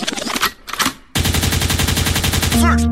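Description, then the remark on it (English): A loud gunshot sound effect fires off as a rapid, rattling automatic burst for over a second, preceded by shorter choppy bursts and ending on a sustained droning tone. “Echoed means rewind, a gunshot means forward.”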